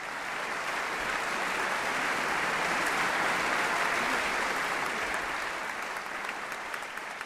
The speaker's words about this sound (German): Applaus bekommt Gabriela Montero nicht nur für ihren Auftritt mit Mozarts Klavierkonzert.